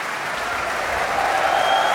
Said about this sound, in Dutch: En terecht zwelt het applaus hier aan voor het prachtige Groot Omroepkoor.